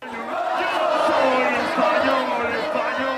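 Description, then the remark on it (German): A huge crowd of about 6,000 Spanish football fans roars and cheers continuously at a public viewing on Madrid's Plaza de Colón, celebrating Spain's semifinal win over France at the final whistle; a dense wall of many voices shouting together outdoors, loud and sustained without any pauses. “So jubelt Spanien sich ins Finale.”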